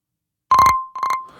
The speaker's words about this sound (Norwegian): Der kommer det inn en telefon til meg, vet du.